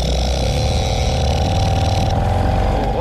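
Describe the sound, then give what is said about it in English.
An old Seagull outboard boat motor runs steadily and loudly, a continuous rough buzzing drone with a slight rise in pitch near the end and no voices. “Scotty will have to change the Seagull engine for a new a new polygraph Suzuki, sound.”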